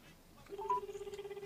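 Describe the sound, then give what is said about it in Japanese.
A steady, low electronic telephone line tone from an incoming call starts about a third of the way in and pulses rapidly and evenly, with a brief higher beep near the start. No one speaks. “今井店長から今電話があったっぽいですね”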